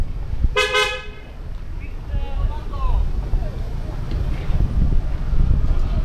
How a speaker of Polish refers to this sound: Trąbią samochody.